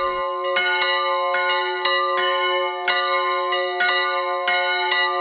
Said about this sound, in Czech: Svatební zvony se na kostelní věži v Hostinném rozezněly pro Květu a Vladimíra Kučerovi 21. dubna 1973.